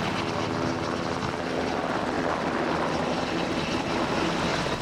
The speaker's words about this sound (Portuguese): A bordo de um helicóptero UH-60 Black Hawk, que fez a viagem desde Monsanto até à base aérea número 6, no Montijo.